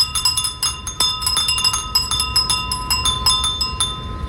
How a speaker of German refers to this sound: In Japan setzt man bei Hitze auf Furin-Sound. Das sind kleine Windspiele, die angeblich für ein kühleres Gefühl sorgen sollen. Wir testen das mal gemeinsam.